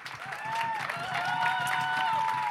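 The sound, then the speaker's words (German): At a CSD (Pride) event, a crowd breaks into a steady round of applause for the artist who designed this year's posters, dense clapping mixed with cheers and high whoops, holding a fairly even loudness for a couple of seconds. “Gebt mal kurz einen Runden Applaus für den Künstler.”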